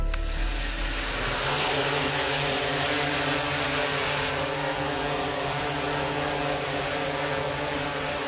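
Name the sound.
drone buzzing in flight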